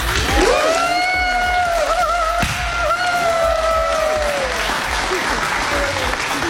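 Loud, steady audience applause fills the whole stretch, dense clapping without a break, while a long, wavering held tone sounds above the clapping for most of it.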